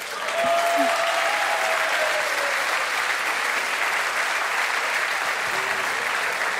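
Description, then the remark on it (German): Sustained audience applause, a dense steady wash of many hands clapping at once that holds strong for several seconds, with a faint whistle or tone briefly riding above it near the start. “Das ist dein Applaus.”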